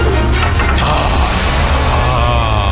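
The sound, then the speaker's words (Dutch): A coin is flipped for heads or tails and lands, giving a bright metallic clink and a ringing, wobbling tone as it settles, over a steady low background hum. No one speaks. “Kop of munt?”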